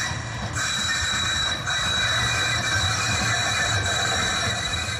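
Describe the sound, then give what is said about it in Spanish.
A tram rumbles steadily along its rails, with a continuous high metallic whine and squeal over a low running drone, loud throughout, with no voices. “Se trata del tranvía, un sonido que a muchos les puede resultar familiar cuando están rodeados de casa.”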